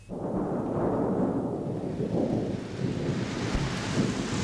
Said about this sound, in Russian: Сильный ливень прибил к земле нежные ветки лоз и жасмина.